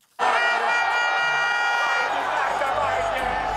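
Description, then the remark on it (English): Tens of thousands of Arsenal fans erupt into loud, sustained cheering for their team winning its first Premier League title in 22 years. The cheering starts abruptly and holds steady, with sung or chanted tones rising through the roar of many voices. “Tens of thousands of Arsenal fans cheer their team for winning its first Premier League title in 22 years.”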